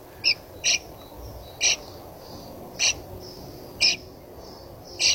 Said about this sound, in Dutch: Gepiep van jonge spreeuwen in de nestkast van Walter.